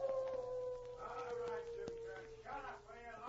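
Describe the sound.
A wolf dog howls in a long, wavering, drawn-out cry, steady, with some muffled voices or background sounds mixed in beneath it.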